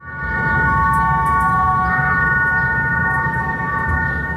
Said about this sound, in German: Für seine Masterarbeit an der Hochschule für Kunst in Bern hat er den historischen Mattenlift in der Stadt Bern in eine Klanginstallation verwandelt.